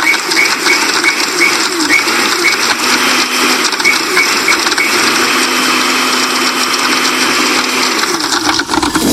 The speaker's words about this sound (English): Now, I know you said that sure took a whole long time to get that sauce together. This is really not our blender. Is that our blender? Yeah, this. The ones I have at home, they don't play around.